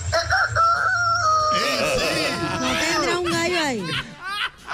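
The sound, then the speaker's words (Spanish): A person imitates a rooster's crow, a long, strained, warbling call rising and falling over a few seconds, loud, with a faint low hum beneath. “Talento oculto es imitar como gallo.”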